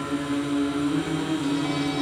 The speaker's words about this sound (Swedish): jag sa ju förut att jag har fönstret öppet, men det är inte därigenom man hör de här vågorna som vi hör nu i bakgrunden. Lyssna.